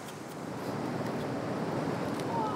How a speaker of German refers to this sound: Er ist da ganz hinten drin, in der hintersten Felsspalte und greift die Muscheln so raus, weil die da so groß sind. Und ab und zu kommt eine Welle rein und haut ihn fast weg, aber das gehört wohl dazu.